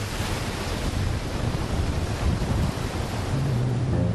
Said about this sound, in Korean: 에스페란스 해변 중 아름답기로 유명한 럭키베이. 호주에서 가장 흰 모래사장이라고 한다. 모래사장의 끝, 바다와 맞닿은 암벽으로 파도가 들이친다.